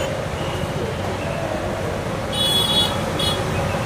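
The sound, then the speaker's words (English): Steady roadway rumble from passing cars, with a couple of sharp horn toots near the end, one longer blast followed by a short second honk. “There are more cars, more people, and increasingly, more people making that last stretch on foot.”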